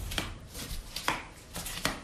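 Flip-flops slapping against heels with each step on a hot day of nearly 33 degrees, a handful of sharp, bright smacks in a loose walking rhythm, with no voices.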